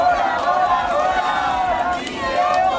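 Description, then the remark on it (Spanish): A crowd of protesters in Bilbao shouts slogans in unison at a housing protest, a loud, sustained chant of many voices with rising and falling tones that carries steadily through the whole stretch. “Gritos desde Bilbao, donde hablábamos con dos de los convocantes.”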